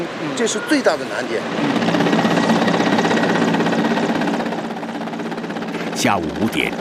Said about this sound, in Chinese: 下午5点，直升机再次飞抵核心区，不同的是，这次飞机下方有绳索和吊篮。 下午5点半，一切就绪后，直升机从核心区起飞，飞往吉隆镇。